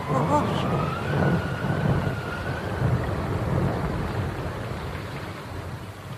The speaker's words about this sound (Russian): А дождь в рожу бьет, что твоя пурга.